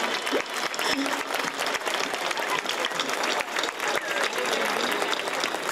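Sustained applause from an audience for the speaker's mother, dense and steady clapping from many hands filling the whole stretch at a fairly loud level, with no voices standing out.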